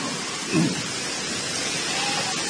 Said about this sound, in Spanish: ¡Ay, qué manera de llover!